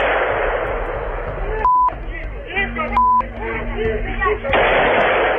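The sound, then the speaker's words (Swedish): A few sharp gunshot cracks ring out on a noisy street in Kyiv at midday, during a shootout between two branches of Ukraine's security service. The shots are spaced seconds apart, while people talk over steady background hiss and two short electronic beeps cut in. “Här hör vi ljud från en video som fångat skottlossningen mitt på dagen i Kiev.”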